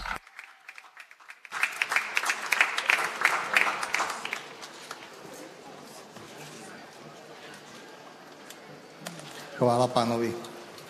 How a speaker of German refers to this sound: Und so bitten wir ihn, dass er hier zu uns kommt und Zeugnis abgibt, das Zeugnis seines Lebens und der Begegnung mit Christus. Lasst uns ihn alle mit einem großen Applaus grüßen.